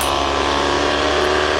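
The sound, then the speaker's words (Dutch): The racing car engine of Max, who starts from P8, recorded by a reporter, runs loud, holding a steady, buzzing drone with layered harmonic tones for under two seconds, with no voices over it. “En we hebben gevraagd onze verslaggever even de motor even op te nemen.”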